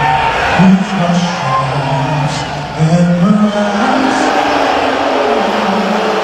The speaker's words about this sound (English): There were loud boos from the crowd when he was shown on the Jumbotron during the anthem at Madison Square Garden.